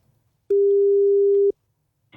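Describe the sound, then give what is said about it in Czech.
A phone's ringback tone: one steady, mid-pitched electronic beep lasting about a second, loud and clean, with silence on either side and a brief rustle right at the end. “Počkej, on mu jako volá.”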